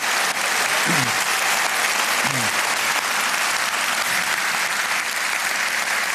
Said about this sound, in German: Nochmal einen Riesenapplaus fürs Gürzenich-Orchester, dankeschön.